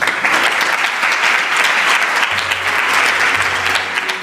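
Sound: ministers applauding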